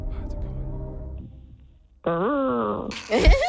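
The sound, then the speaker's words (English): A person imitates a whale call with a single loud, drawn-out vocal moan that swoops up and down in pitch, then climbs into a strained, higher wail before cutting off. “What sound does a whale make?”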